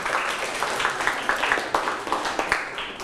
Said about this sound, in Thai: ปรบมือให้กับตนเองครับ